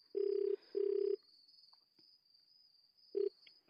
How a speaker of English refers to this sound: It's ringing, Ma.